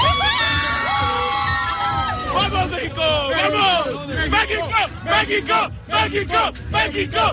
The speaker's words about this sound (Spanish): ¡México! Hoy nos veíamos en la obligación de abrir con el grito de la emoción de un pueblo, de una nación, la voz de la afición mexicana que después de ver ganar a su selección ante Ecuador ha estado de fiesta durante toda la noche.